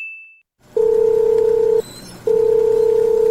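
A phone line ringing through the earpiece: two long, steady electronic ring tones, each about a second, separated by a short pause, with no answer. A brief high beep comes first. No one speaks.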